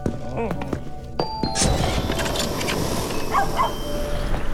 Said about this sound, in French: C'est un bon chien, ça.